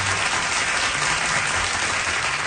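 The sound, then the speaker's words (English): A large audience applauding and cheering after a duet performance, a dense and steady wash of clapping that stays loud and even throughout, with no clear voices over it. “But it went really well, and he got such applause and cheers from the audience.”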